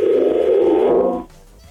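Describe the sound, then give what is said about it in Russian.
A telephone ringback tone: one steady, loud electronic beep lasting just over a second, then cutting off into near silence. No voices are heard. “Все истеричнее и истеричнее гудок, а Макса нет.”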